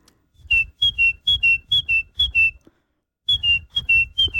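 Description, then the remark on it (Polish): A person in the studio of the Polish radio morning show Poranek Czwórki whistles in imitation of birdsong: bright, high-pitched chirps repeated in quick, even pairs, in two lively bursts separated by a short pause, with no talking. “No, pewnie myśleliście, że do naszego czwórkowego w studia wpadł nam jakiś ptaszek.”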